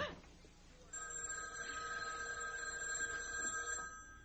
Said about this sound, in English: It was the house phone. Not my private line with the unlisted number. Only 2 people ever knew that number.